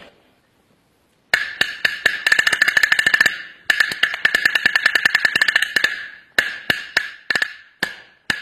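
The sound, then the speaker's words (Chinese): A small single-skin drum, a pigskin head on a small wooden shell about seven cun six fen across, is struck rapidly with drumsticks: bursts of sharp, bright, high-pitched cracks in fast rolls, with brief pauses, ending in a few separate louder strokes. “我们来听听这个单皮鼓的音色。”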